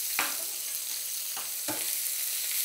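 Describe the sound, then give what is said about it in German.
Shell-on shrimp sizzle steadily in a hot pan, a dense crackling hiss, broken by three sharp scraping clatters of a utensil stirring them. No one speaks. “Ich finde das so toll, die in der Schale zu grillen oder zu braten, weil du dann wirklich diesen richtig tollen Garnelengeschmack nochmal zusätzlich rauskriegst.”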